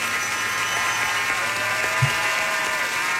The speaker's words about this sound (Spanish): Aplauso, señor.